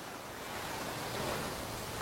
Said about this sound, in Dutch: Het witte strand, de brede kustlijn en de golven die hard stuk slaan op het zand. Acapulco is een paradijs.